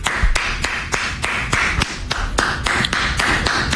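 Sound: one person clapping hands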